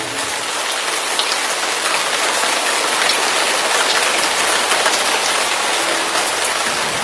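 heavy rain falling

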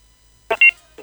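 whatsApp call ringing tone

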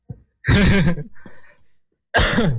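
cough

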